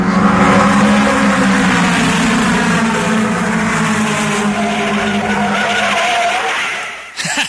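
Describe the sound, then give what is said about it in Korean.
Racing car tires skid and screech loudly for several seconds over a roaring engine, a sustained squeal that cuts off abruptly near the end. “그리고 곧 마리화나와 음주, 자동차 폭주에 빠져들었습니다.”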